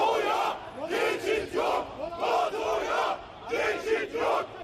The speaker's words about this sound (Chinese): 在首都安卡拉，大批示威者走上街头，高举反北约标语，并高喊北约此路不通的口号。